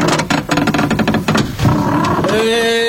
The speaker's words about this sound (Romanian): ce e bubuitul ăsta care se aude? Nu e nimic, dragule, bate vecinul nostru stâncăreanu în ușă. Vrea să ne facă atenți că a venit în vizită la noi.